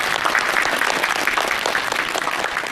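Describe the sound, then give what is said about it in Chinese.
Steady, loud applause from an audience at the end of a program, thanking teacher Zhu Xiaofeng for his talk on ancient Dunhuang music and instruments; a dense wash of many hands clapping that holds evenly for a few seconds with no voices over it. “那在节目的最后呢，让我们再一次把热烈的掌声送给朱晓峰老师，感谢他今天带来的分享。”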